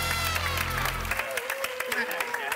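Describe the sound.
An audience on a show breaks into steady, dense applause for a guest's arrival, filling the whole moment, with voices calling out over the clapping and a low hum fading away partway through.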